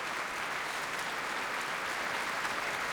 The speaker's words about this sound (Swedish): Applåder efter urförandet av Molly Keynes, A Demon in the Sky, som vi har hört här med Radiokören och Sveriges Radios symfoniorkester under ledning av Andres Orozco Estrada.